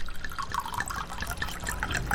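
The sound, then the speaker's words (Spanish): Rum is poured into a glass in a steady stream, with bright gurgling splashes and small drips continuing for a couple of seconds, no voices present. “Un buen ron primero se destapa, luego se sirve”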